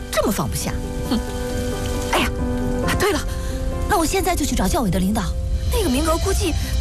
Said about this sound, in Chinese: 下雨呢，带上伞。